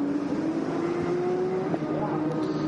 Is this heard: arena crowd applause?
no